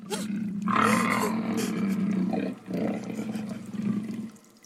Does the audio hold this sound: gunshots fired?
no